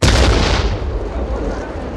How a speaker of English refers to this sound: Whoa! What was that? Oh. That sounded like an explosion right outside.